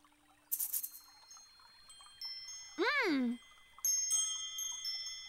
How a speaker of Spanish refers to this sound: ¡Oh! ¡Son las campanillas ruidosas!